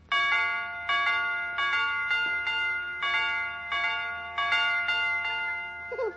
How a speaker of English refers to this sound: Will you, Mr. McGee, will you come over to our house and fix our doorbell so it goes dee dee, dee dee, dee dee